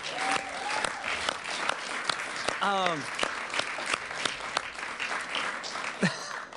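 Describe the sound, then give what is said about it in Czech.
Slow, sparse hand claps, sharp single smacks with gaps between them, running through the whole stretch. A short wavering vocal sound cuts in midway, and faint voices sit underneath. “Když v tom potlesku jsou velký pauzy, mezi tím jednotlivým tlesknutím vypadá ironicky.”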